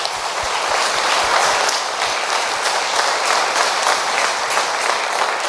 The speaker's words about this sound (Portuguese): Amém! Palmas para Jesus, né?